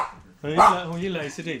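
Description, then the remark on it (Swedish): A small dog barks loudly, a high-pitched yappy burst that runs on with a short break before a final yap, after a brief quiet start, as visitors arrive at a house. “Den är inte så stor, men den låter mycket.”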